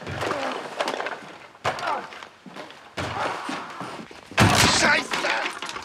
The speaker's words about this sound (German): Er ist in seinem Hobbykeller und hämmert auf irgendwas ein. Aber das Geräusch kommt nicht aus dem Keller, sondern von draußen.